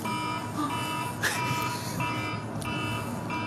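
An electronic alarm rings continuously with a steady, harsh buzzing tone, fairly loud and sustained throughout, with a brief sharper chirp partway through.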